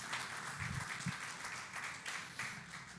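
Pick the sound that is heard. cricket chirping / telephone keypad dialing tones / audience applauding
audience applauding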